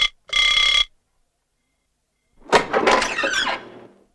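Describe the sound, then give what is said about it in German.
A doorbell at a lord's front door gives one short, bright ring as an employee of the castle hotel rings at 10 in the morning. After a pause comes a longer rattling, squeaky burst like a door being opened. No one speaks. “Um 10 Uhr vormittags klingelte ein Angestellter des Schlosshotels an der Tür des Lords.”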